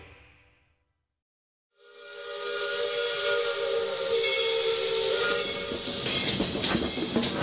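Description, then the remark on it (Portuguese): After a moment of silence, a steam train lets out a loud, sustained whistle over a rushing blast of steam hiss that continues steadily and strongly to the end. “Sai da linha que o trem te pega, companheiro!”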